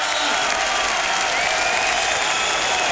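Enthusiastic crowd applause for the Stage Struck feature of a live radio show, a dense, steady wash of clapping that stays loud and even for the full three seconds, with a few faint cheers mixed in.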